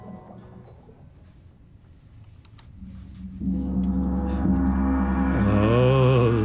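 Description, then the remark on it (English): A gong swells in after a few quiet seconds, blooming into a loud, sustained metallic roar with shimmering, wavering overtones that keep building until the end. “The sound of the gong.”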